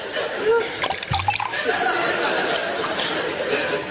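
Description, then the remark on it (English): Tea pours into a cup in a steady trickle lasting several seconds, with a few brief clinks and knocks early on and faint murmuring in the background. “Pours himself a cup of tea.”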